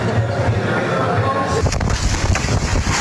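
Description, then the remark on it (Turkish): Strong wind roars steadily around a boat, tearing it loose from a woman trying to hold it, then growing stronger, a loud, gusty rush with low buffeting rumble and sharper bursts near the end, continuing without a break. “Kuvvetli rüzgar kadının tutmaya çalıştığı tekneyi söktü, sonra daha da güçlendi.”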